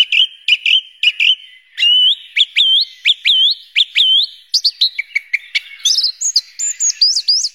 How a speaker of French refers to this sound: Merci beaucoup Gilles pour cette découverte de la grive musicienne et de son univers.